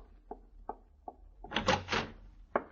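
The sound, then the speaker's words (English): Three short, evenly spaced knocks, then a door opening with a rough, scraping swing that lasts about half a second, ending in a single dull thud. No voices. “Open the door.”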